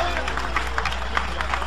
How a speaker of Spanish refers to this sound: Dale ese aplauso de gloria a Dios.